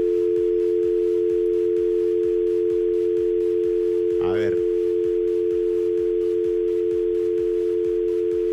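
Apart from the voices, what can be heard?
telephone dial tone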